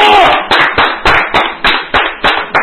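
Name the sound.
applause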